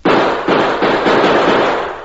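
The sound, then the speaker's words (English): Around four sharp, loud gunshots crack out in quick succession, fired into the bottom of a barrel of water, each blast bleeding into a dense, continuous roar of noise that slowly fades at the end. No one speaks. “With a few more bullet holes in the bottom of the barrel, we'll let the water run out faster.”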